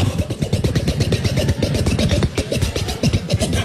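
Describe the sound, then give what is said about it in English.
A ski boat engine starts and runs loud with a rough, rapid chugging that surges and revs throughout, with no voices over it. “I'm gonna start out the boat.”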